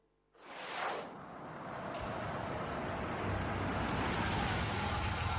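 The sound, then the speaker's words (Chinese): At night, a car speeds in with a sudden rushing whoosh and stops in front of a building, then its engine rumbles steadily, a broad, constant road noise that holds until the end. No one speaks. “仅仅是片刻之后，汽车飞驰而来，停在楼前。”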